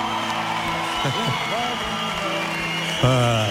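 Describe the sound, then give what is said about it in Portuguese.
An audience at the Play 2026 awards applauds steadily for the winner of the Prémio Carreira (career award) while scattered voices cheer and whoop over the clapping, with a louder shout rising near the end. “Uma salva de palmas para”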